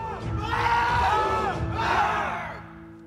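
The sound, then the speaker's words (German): A group of Jugger players at Breitenfelder SV shouts together in a loud, sustained collective yell lasting a few seconds, rising and falling in two surges before fading, with no distinct speech. “Schreien befreit.”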